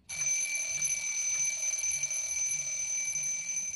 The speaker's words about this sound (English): At 5 o'clock, when the alarm clock rang, Mr. Ncube didn't wake up.